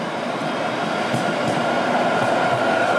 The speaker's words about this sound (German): Wir laufen jetzt schon, ohne dass man unsere Schritte hören wird, aber natürlich die Verkehrssituation hier um uns herum. Wir sind auf der Mainzer Landstraße, wenn ich richtig liege. Das ist ja eine der Hauptadern von Frankfurt.